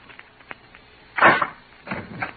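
A door is opened: a few faint clicks of the latch, then a louder wooden scrape as it swings, followed by a second, softer rustling movement. No one speaks.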